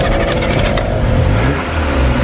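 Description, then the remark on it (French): A vintage 1957 Simca Montlhéry car engine revving, a loud, steady rumble with rising and falling pitch and a harsh mechanical growl throughout, no voices. “Elle a un moteur un peu plus puissant et elle fait un peu plus de bruit.”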